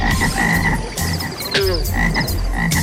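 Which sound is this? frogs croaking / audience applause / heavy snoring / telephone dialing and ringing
frogs croaking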